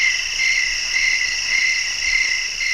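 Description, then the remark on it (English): A steady chorus of crickets chirps continuously, a dense high-pitched trilling that holds at an even, moderate level throughout with no voices. “I'm going to go crickets.”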